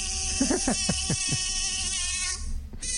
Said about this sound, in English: What is that? Sorry, it was a mosquito in the studio. No, seriously, what is that? She must have played a little bit of a sound effect.